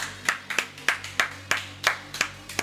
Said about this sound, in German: Jo Leute, macht mal einen dicken Applaus hier für den ….